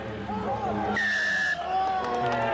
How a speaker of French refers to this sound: Hey, le coup de sifflet, alors il est pour qui? Ouais. Ah, je pense qu'il est pour en faveur de la Nouvelle-Zélande.